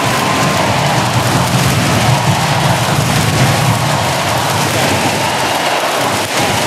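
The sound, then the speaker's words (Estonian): A huge French crowd at the Paris Olympics swimming, around Léon Marchand before the men's 200 m butterfly final, roars and cheers in one dense, loud, unbroken wash of noise that holds steady throughout, easing only slightly in the final moment. “Ja kuulame marulist publikut ka.”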